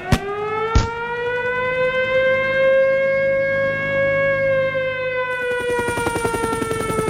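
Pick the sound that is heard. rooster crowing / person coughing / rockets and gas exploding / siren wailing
siren wailing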